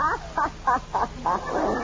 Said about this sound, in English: Oh, what's that? Was that the doorbell? No, I was clearing my throat.